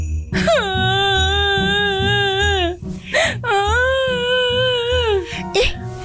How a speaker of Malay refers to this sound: Kenapa menangis? Kan baru beli baju baru. Senanglah.